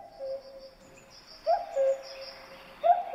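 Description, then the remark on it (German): A male common cuckoo in the wild gives its typical two-note, falling "cuck-oo" call three times at a steady, unhurried pace, with faint high bird chatter in the background. “Jetzt hören wir mal, wie der Kuckuck in der Natur klingt.”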